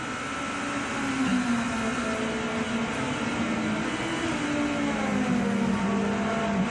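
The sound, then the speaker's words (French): A BMW race car driven by Van der Linde roars steadily as it goes very fast over the curbs at the Raccordement chicane on a pole lap, a loud continuous drone with a low pitch that wavers slightly up and down, with no one talking. “Ça passe très très fort ici, elle accepte bien les vibreurs cette BMW.”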